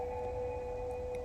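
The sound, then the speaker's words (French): A woman's high, piercing herding call sung as one steady, sustained note, clear and fairly loud over a low background rumble, with no talking; a traditional Scandinavian women's way of calling herds of cows and sheep across wide open spaces. “Ce que tu entends, c'est une façon qu'ont les femmes scandinaves, depuis des temps immémoriaux, d'appeler leurs troupeaux dans les grands espaces, leurs vaches, leurs brebis, leurs reines.”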